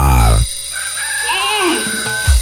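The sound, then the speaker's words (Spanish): A rooster crows once in a long, wavering call that rises and falls over about a second and a half, loud, following a brief burst of low sound. “5 de la mañana y la chicha suena más fuerte que el gallo de la catedral.”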